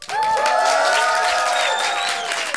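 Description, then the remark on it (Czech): A festival crowd of about a hundred people in a white tent at the Povaleč festival erupts in loud, sustained cheering and clapping, with high whoops and shouts riding over a dense wash of applause that holds steady throughout. “Tak udělejte obrovský bordel, ať jste slyšet.”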